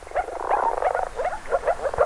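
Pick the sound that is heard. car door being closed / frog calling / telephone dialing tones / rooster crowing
frog calling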